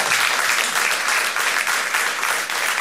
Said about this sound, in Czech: Zatleskáme mu. Děkuji.